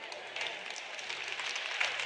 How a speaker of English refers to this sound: Well, you'll clap louder by the end of the weekend, so sorry.